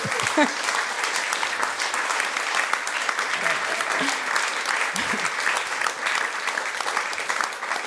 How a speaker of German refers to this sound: Danke vielmals. Ein Applaus für dich.